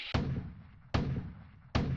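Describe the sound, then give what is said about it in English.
Three loud cannon blasts go off in steady succession, each a sharp boom followed by a heavy rumbling tail that fills the space until the next shot. “It's a cannon.”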